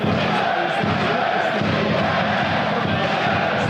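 stadium crowd cheering

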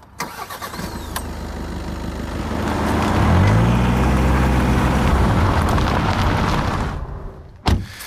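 car driving

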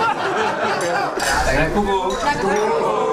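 champagne glasses clinking

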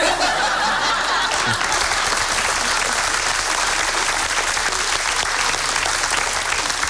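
audience applause

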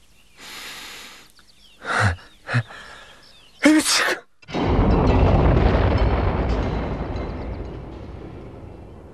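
powerful sneeze

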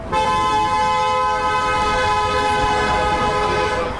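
passing cars honking horns

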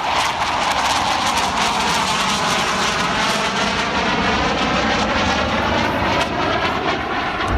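jet aircraft engine

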